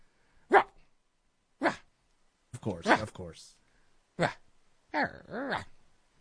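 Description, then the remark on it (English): A person imitates a small Shih Tzu dog's yappy barking, giving five short, sharp vocal barks at uneven intervals, fairly loud, with brief silences between them. “That's a little Shih Tzu bark.”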